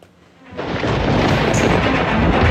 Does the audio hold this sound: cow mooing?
no